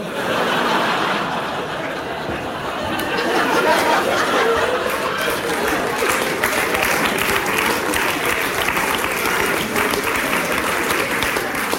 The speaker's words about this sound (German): Applaus